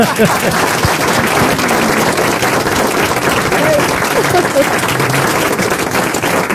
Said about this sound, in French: Je le prends pour moi, vos applaudissements.